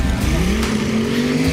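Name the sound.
tractor pulling engines roaring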